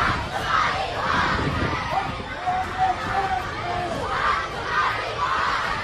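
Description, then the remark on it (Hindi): A large crowd protesting against Pakistani rule and the Shehbaz government in the streets of PoK (Pakistan-occupied Kashmir) chants and shouts in unison, rhythmic bursts of massed voices rising and falling over a constant roar of babble, loud throughout. “पाकिस्तानी शासन के खिलाफ विरोध की इस आवाज ने उसकी नींद उड़ा दी है।”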